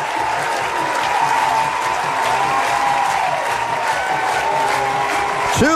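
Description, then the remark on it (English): A large crowd at a baseball game, on its feet after Nelson's two-run double down the line for Troy, roars and applauds in a steady, loud wash of cheering and clapping, with whistles and shouts rising above it throughout. “Listen to this crowd.”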